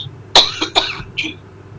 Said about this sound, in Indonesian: Batuk, Ustaz.